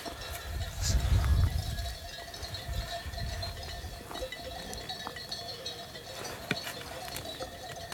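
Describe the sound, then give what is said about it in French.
A flock of sheep being herded by a shepherdess bleat outdoors, with bells clinking steadily around their necks, a rumble of movement early on, and no one speaking. “Et vous avez toujours fait du tricot en gardant les moutons?”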